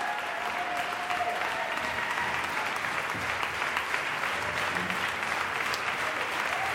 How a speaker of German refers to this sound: Und jetzt machen Sie Platz für Georges Petrou, den Dirigenten und Regisseur, der den Jubel der Menge genießen darf. Und jetzt auch seinem Orchester den verdienten Applaus zukommen lässt.